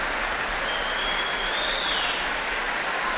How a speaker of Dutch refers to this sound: En daar gaat de deur opnieuw open. En komen … en … opnieuw het podium op. Groot applaus ook nu. Voor de cellist.